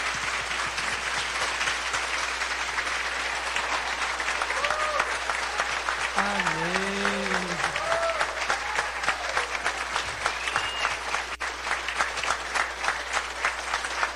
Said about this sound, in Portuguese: Olha para esse povo que os acompanha, e agora eles, com uma forte salva de palmas, acolhem esses novos coroinhas na comunidade.